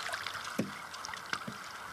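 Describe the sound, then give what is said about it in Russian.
Water laps gently against a small rowboat on a lake as it glides and bumps to a stop while being moored to a wooded shore, with a couple of soft knocks of wood against the hull, no voices present. “Вадим пришвартовывает лодку к противоположному лесистому берегу”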